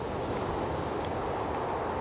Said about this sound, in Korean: 휘 쓸쓸한 바람이 불었다.